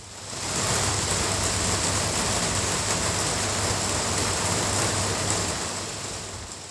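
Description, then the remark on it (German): Steady rain falls into the inner courtyard of a terraced house in the north of Belfast, a dense continuous hiss with a faint low hum beneath, fading in at the start and easing off slightly at the end. “Den Anfang macht Regen, der in den Innenhof eines Reihenhauses im Norden von Belfast fällt.”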